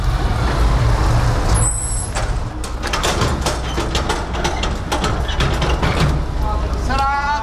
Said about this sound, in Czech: Z nákladního auta vyběhlo asi 20 vojáků aktivní zálohy.